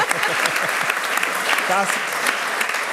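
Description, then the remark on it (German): A crowd applauds steadily for about three seconds, a dense, even wash of clapping, with a single voice briefly calling out above it midway. “Das ist mal ein Applaus wert, finde ich.”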